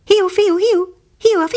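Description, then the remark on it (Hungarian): A close, clear voice imitates a whistling call, singing a quick run of high, gliding two-note syllables, pausing briefly, then starting the same whistled phrase again. “De most valami ismeretlen fügyszó rezzentette föl, amely egészen közelről jött, és valahogy így hangzott.”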